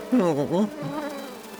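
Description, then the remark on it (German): A bee buzzes loudly nearby, its drone dipping and rising in pitch as it swoops past, then settling into a softer, steady hum that carries on to the end. “müde zum Bienenstock fliegen, um sich für die Nacht zu verabschieden.”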